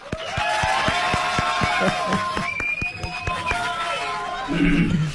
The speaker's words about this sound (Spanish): Recibamos con un fuerte aplauso a nuestro distinguido invitado.